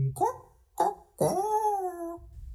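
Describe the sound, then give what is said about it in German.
A dog barks twice in quick succession, then lets out a longer, drawn-out bark that holds and fades. The barks are fairly loud, with no talking. “Wuff, was du nicht alles weißt.”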